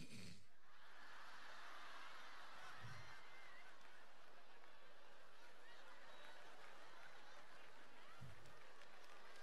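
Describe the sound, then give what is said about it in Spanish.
An audience applauds steadily for several seconds after a joke, a dense wash of clapping mixed with scattered laughter and chuckles, at a fairly soft level. “Claro, ustedes aplauden y me cagaron con 20 lucas, weón.”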